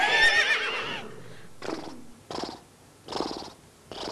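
A horse lets out a loud, shrill whinny lasting about a second, followed by several rhythmic, breathy nickering bursts, with no talking.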